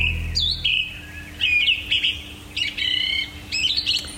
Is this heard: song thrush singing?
yes